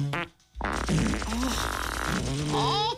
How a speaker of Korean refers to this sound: 그 말에 용기를 낸 누군가 다시 방귀를 끼었고 그러자 모두도 참고 있었는지 다양한 방귀들이 터져나오기 시작한 거예요.